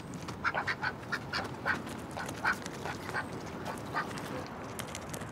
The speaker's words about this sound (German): Enten sind die logischsten Haustiere, wenn man auf einem Boot lebt. Und sie sind süß. Hund oder Katze hätten uns leid getan, denn wir sind ja nicht immer zu Hause. Die Enten sind frei und können ins Wasser, wann sie wollen.